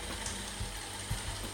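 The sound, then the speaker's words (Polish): A robot vacuum rolls along on its own, heading back to its dock, giving off a steady low mechanical whir with a few soft clicks and bumps from its wheels and gears, fairly quiet. “Na razie odkurzacz zmierza do bazy.”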